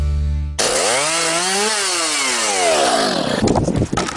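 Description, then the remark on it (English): A chainsaw roars to life and revs loudly, its buzzing engine pitch climbing and then sagging, before it bites into wood with a rough, crackling snarl at the end, cutting trees during a storm cleanup. No voices. “Your neighbour's trying to tackle a storm cleanup solo.”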